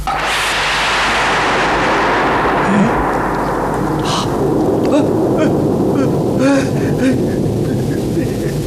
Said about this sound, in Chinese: 怎么回事？晴天打雷！